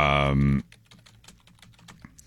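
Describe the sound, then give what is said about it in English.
A brief burst of voice opens, then rapid, irregular clicking of fingers typing on a computer keyboard, fairly quiet, continuing steadily to the end. “I'm definitely not just typing these out right now.”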